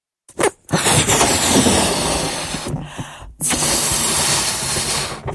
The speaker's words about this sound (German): So, nu fangen wir mal an. Zuerst püst wir nu unseren Luftballon ab.